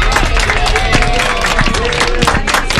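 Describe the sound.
A crowd applauds steadily, dense clapping filling the whole stretch at a fairly loud, even level, with some cheering voices mixed in beneath.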